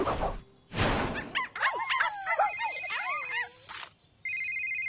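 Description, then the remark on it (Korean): A cartoonish phone ringtone warbles in quick, chirpy pitch-sliding bursts after two noisy whooshes, then settles into a steady high electronic tone. No one speaks. “잠깐만, 부대시장님 전화도 왔다.”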